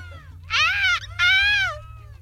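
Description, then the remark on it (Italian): A person imitates a seagull's cry at a European seagull-crying championship, with two loud, shrill, wailing squawks in quick succession, each bending slightly in pitch, over a steady low hum. “Sarebbe i campionati europei di grido del gabbiano.”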